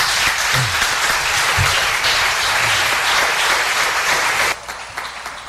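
Steady audience applause fills the room, a dense wash of many hands clapping at once, loud and sustained before it drops off abruptly near the end.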